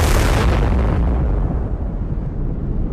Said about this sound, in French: Le 30 juin 1908, à 7h17 précisément, le matin, au-dessus de la taïga sibérienne, une explosion illumine le ciel. Des témoins parlent d'un deuxième soleil. L'onde de choc rase 2000 km² de forêt.